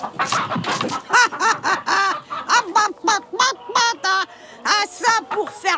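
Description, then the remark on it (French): A rooster clucks in a rapid, steady series of short, throaty calls, fairly loud, with brief gaps between each cluck and no other sounds around it, as it pecks at hard ground for worms and struggles to scratch. “Le coq commence à picorer le sol pour trouver des vers. Le sol est trop dur. Il peine à gratter.”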